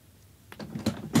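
After a quiet moment, a door is heard opening and shutting: a few solid knocks and rattles of the latch, ending with a firm thud. No voices.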